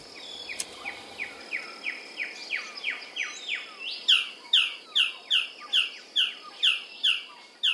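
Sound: male blue bird-of-paradise calling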